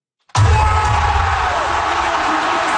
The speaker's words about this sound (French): Explosion de joie à l'Arena Bank Scotia.